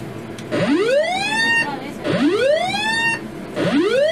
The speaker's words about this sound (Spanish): Prueba de alarmas. Alarma de colisión.